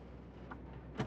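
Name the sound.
car door opening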